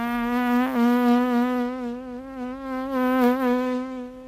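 A housefly buzzes steadily for a few seconds, its droning hum wavering slightly in pitch and loudness as it moves, with no voices, in the opening sequence of a 1969 western film.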